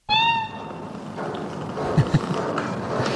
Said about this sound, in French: Félicette est de toute évidence un chat, j'ai bien identifié, plutôt devrais-je dire une chatte